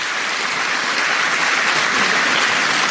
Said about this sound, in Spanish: ¡Ay, catequistas aquí! ¡Oye, qué bien! ¡Aplauso para los catequistas!